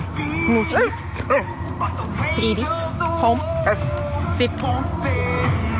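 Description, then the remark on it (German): A three-year-old Border Collie trained in dog dancing lets out short, excited barks and high yips, mixed with rising whining tones, over a steady busy background. “ist ein Border Collie, 3 Jahre alt, und er tanzt gerne.”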